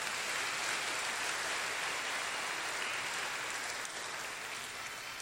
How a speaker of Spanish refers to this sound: Le brindamos un fuerte aplauso.